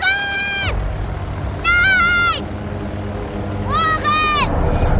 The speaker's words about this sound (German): Es rollt langsam aus dem Hangar auf die Startbahn.